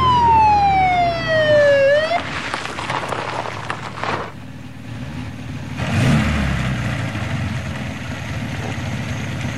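A police siren on a black-green Mercedes 220 police car with a blue warning light wails loud with one falling sweep, then cuts off, leaving a rumbling engine and road noise with a brief whoosh midway as the car pulls up and stops in the heat of Stuttgart, by an Aral petrol station. No one speaks.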